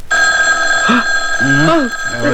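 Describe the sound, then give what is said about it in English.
A telephone rings loudly and steadily at about 1 a.m., its bright bell tone unbroken, while brief voiced sounds, like someone stirring or murmuring, rise over it. “It's the phone.”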